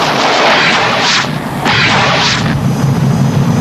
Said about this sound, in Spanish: Cohetes. ¿Cohetes? ¡Nos matarán!